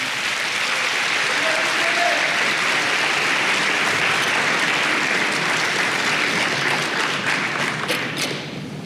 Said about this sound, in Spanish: Dele palmas al Señor.